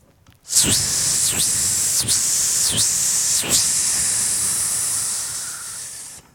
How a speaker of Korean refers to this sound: 매미는 이렇게 한철 울기 위해서 7년 동안 그렇게 고생을 했습니다.